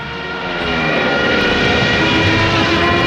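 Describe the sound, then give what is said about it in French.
A loud, steady drone of German Luftwaffe propeller warplanes passing overhead while chasing a ship in a tanker convoy bound for Algiers, swelling slightly at first and then holding a thick, rumbling roar throughout, with no voices. “Pendant la traversée, son bateau est pourchassé par la Luftwaffe et les sous-marins allemands.”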